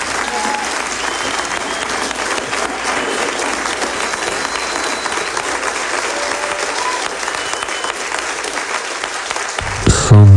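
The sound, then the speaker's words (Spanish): A concert audience in Santa Cruz, California, on 11 May 1987 applauds the trio of a pianist, with a bassist on double bass and a drummer on drums. It is a steady, dense, loud wash of many hands clapping for about ten seconds before a brief low tone cuts in at the very end. “Aplausos del público asistente al concierto que el trío del pianista …, … para el contrabajo, … en batería, ofrecía en la localidad californiana de Santa Cruz el 11 de mayo de 1987,”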